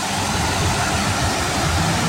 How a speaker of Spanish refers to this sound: Te manda videito del aguacero que hay, pero ¿en dónde está ese aguacero?